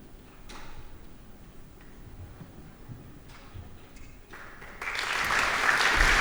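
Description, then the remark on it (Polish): Audience applause for conductor Krzysztof Garstka as he enters the orchestra pit before the prologue of Tithon et l'Aurore, performed with the Polish Royal Opera: scattered, faint claps at first, then the clapping swells into a dense, loud ovation over the last couple of seconds. “No i oto właśnie oklaski dla dyrygenta, dla Krzysztofa Garstki, który wchodzi do orkiestronu, w którym zasiadają już muzycy, i rozpoczynamy prolog do Tytona i Jutrzenki.”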